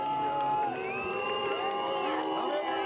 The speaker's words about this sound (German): Weiter geht's durch die Menge zum CDU-Wahlkampfstand. Kanzler Friedrich Merz ist einerseits begehrtes Fotoobjekt, aber es gibt auch Pfiffe und Buhrufe.